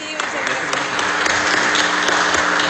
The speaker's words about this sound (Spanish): Un fuerte aplauso, por favor, para nuestro ganador de la categoría Alta Cocina, repetimos, Casa Reina.